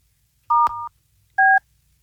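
Telephone keypad dialing to call a company in Pinellas County: two short dual-tone beeps, the first slightly longer and cut by a click, then a pause and a second, higher-pitched tone. Clear and moderately loud, no voices.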